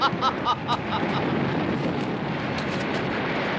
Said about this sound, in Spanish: ¡Viva, viva el mar! ¡Ruge, ruge, tormenta!